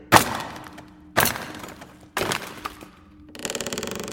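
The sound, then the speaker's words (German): Three sharp hammer blows on a chisel land about a second apart, each with a short ringing tail, then a quick rattling crackle as the lid of a heavy German Wehrmacht crate holding flak shells is pried loose. “Ja, hier ist ein Hammer und ein Meißel.”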